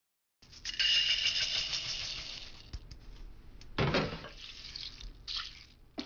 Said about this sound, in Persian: برنج رو خوب بشورید و اون رو توی آبکش بریزید. بگذارید به مدت 10 دقیقه در آبکش بمونه و سپس اون رو درون قابلمه بریزید.